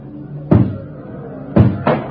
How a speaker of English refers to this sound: And then when I heard the door come down, I knew I was through. They're tearing through the front of the building now, and they'll be pouring into this cell block in just a second.